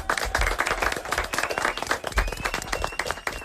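A room full of children and adults applauding, dense rapid clapping that stays steady and fairly loud throughout, with a faint high whistle-like tone drifting in the background.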